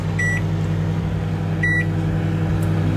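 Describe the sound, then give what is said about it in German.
A microwave oven cooking Kaiserschmarrn batter in a buttered dish hums steadily with a low mains drone, while two short, clear electronic beeps ring out about a second and a half apart. “So, das Ganze dann in eine gebutterte Form und ab in die Mikrowelle.”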